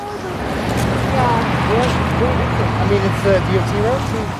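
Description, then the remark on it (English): A steady low rumble of vehicles driving at varied speeds in both directions along Trainer Gate Road in Fairbanks on a cloudy May morning, humming in the background while a person talks over it, with no single vehicle standing out from the continuous wash of noise. “Vehicles drive along Trainer Gate Road in either direction on a cloudy May morning, close to the start of the penultimate day of school.”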